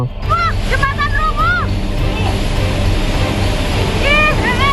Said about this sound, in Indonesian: Luapan arus sungai Cikaret menerjang badan jembatan beton hingga roboh di kawasan Cibalagung, Kelurahan Pasir Jaya, Kecamatan Bogor Barat, Kota Bogor, Jawa Barat saat diguyur hujan deras pada Senin siang.